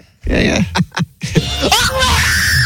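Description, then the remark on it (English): A man screams loudly in a series of strained, harmonic bursts, ending in a rising, sustained shriek that holds for about a second. “Actually, that's not the girl screaming. That's the idiot guy screaming, I think.”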